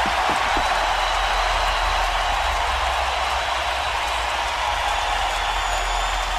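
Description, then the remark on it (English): A large arena hockey crowd roars and applauds as the Sharks come to center ice after a five-game series victory over the Red Wings, tapping their hands in the air to salute the fans; a steady, loud wash of noise that holds without a break for several seconds, with no voices standing out. “And now the Sharks are coming to center ice to tap their hands in the air and salute the fans and listen to this crowd.”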